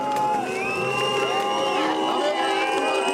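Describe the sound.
A large crowd whistles and boos continuously at an election campaign appearance by CDU politician Friedrich Merz on the coast, shrill whistles sliding over a dense wall of jeering voices, loud throughout.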